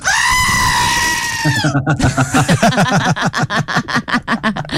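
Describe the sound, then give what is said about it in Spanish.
A goat lets out a long, loud, high-pitched scream, then breaks into a rapid run of stuttering, wavering bleats that pulse quickly until the end. “Venga, venga, qué chiva, huevón.”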